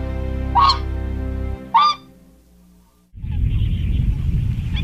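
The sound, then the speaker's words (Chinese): Two short, nasal honking calls of mute swans ring out about a second apart over a low rumble on the Wuliangsuhai (Ulansuhai) wetland, then give way to a steady rush of wind or water noise. “游鼻天鹅的数量从200余只增加到1000余只。”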